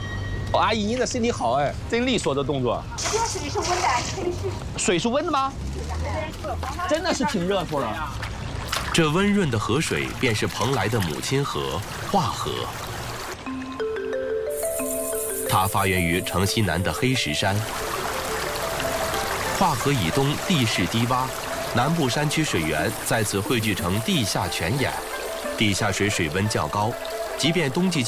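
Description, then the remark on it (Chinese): Warm water of the Hua River, the mother river of Penglai in Shandong, China, splashes and pours steadily throughout, a continuous liquid rush with people talking over it. “这温润的河水便是蓬莱的母亲河——化河。”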